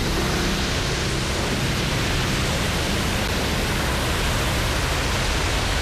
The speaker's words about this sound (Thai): เวลา 15:35 นาทีคลื่นยักษ์ได้เข้าปะทะมันสูงกว่ากำแพงกั้นของโรงไฟฟ้าถึง2เท่า